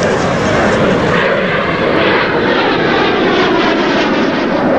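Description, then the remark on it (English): A loud, continuous roar of two jet planes streaking low overhead across the sky above a beach, a dense rushing engine noise that stays steady throughout with no break or fade. “On the beach, the pair pause to stare up at two jet planes streaking low across the sky.”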